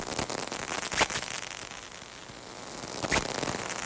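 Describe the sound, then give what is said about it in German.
Steady rain hisses on and on, with scattered individual drops tapping out sharp, separate clicks now and then, a few of them louder than the rest. No one speaks. “Der Regen hat irgendwann eingesetzt.”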